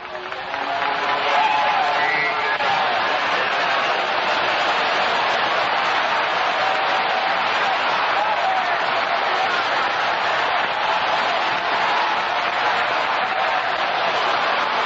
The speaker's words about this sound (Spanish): Sigue aplaudiendo, sigue aplaudiendo, sigue aplaudiendo ahí. Se va a sanar aplaudiendo, se va a libertar aplaudiendo. Aplauda ahí, aplauda ahí. Sigue aplaudiendo.